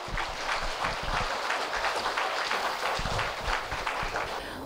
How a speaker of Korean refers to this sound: 여러분, 큰 박수로 맞이해 주십시오.